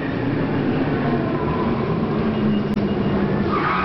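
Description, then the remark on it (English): A car without anti-lock brakes brakes hard and skids, a loud, continuous grinding roar of tires scraping across pavement that holds steady for several seconds, with no voices. “Okay, let's try it again, this time with the anti-lock brakes.”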